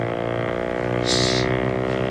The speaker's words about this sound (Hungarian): Hallod ezt? Mi ez? Motorcsónak.